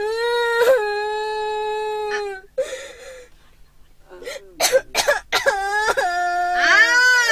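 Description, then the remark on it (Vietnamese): A child wails in long, high, sustained cries, broken by gasping sobs and sharp catching breaths, then launches into louder, wavering wails that rise and fall in pitch. “Mày lại còn gào cho tôi nữa.”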